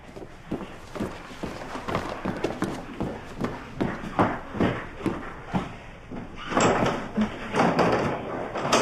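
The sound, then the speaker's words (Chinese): Footsteps walk at a steady pace as someone goes to open the door, then a door is opened with a burst of louder rattling and clatter near the end. No one speaks. “我去开门。”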